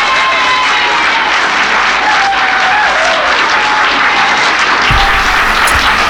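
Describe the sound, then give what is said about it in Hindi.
A steady wash of applause from a crowd welcoming a guest on Sunrise Radio fills the whole stretch, loud and dense with overlapping claps, without letting up and with no one speaking over it. “तो चलते हैं तालियों की गूंज में, उन्हें खुश आमदीद वेलकम जी इन कहेंगे, सत बिस्मिल्लाह कहेंगे।”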